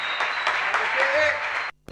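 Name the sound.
audience applause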